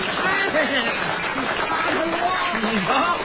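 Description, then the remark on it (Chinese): A live audience applauds steadily for about three seconds, a dense wash of clapping with some voices and cheers mixed in, welcoming a performer's offer to sing karaoke for them. “大家还真欢迎，”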